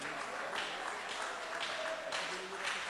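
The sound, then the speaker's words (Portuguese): A church audience applauds steadily for about three seconds to welcome a woman who is about to sing praise, a dense, even wash of many hands clapping at once, with faint voices calling out beneath it. “Vamos recebê-la com as palmas bem alegres para o Rei Jesus.”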